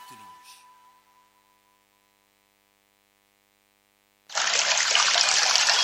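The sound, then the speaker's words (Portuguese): After a faint hum fades to near silence, Ciúta mineral water suddenly starts pouring: a steady, bright splashing stream that stays loud and even until the end. “Pura e cristalina, água de Ciúta, água mineral.”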